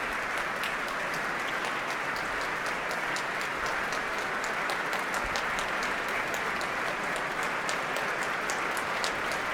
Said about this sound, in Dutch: Ja, u hoort het zeer enthousiast publiek hier in de grote zaal van het Concertgebouw.